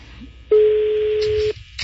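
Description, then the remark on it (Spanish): A phone line ringing on a call to a pastor: one steady, clear ringback tone lasting about a second, heard alone against faint background hiss, with no voices. “Sonando el teléfono.”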